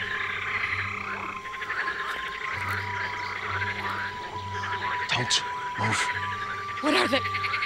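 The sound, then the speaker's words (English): A dense chorus of frogs croaking continuously, loud, with layered throaty calls overlapping throughout and voices briefly cutting in near the end. “Are they dangerous? They're dodge frogs.”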